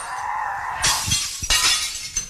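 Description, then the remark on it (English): Glass smashing in a rage room in two sharp crashes, each a bright burst of shattering followed by tinkling fragments, with a steady hiss running underneath and no voices. “she was getting right into it, which I guess you've got to, right, if you go into a rage room.”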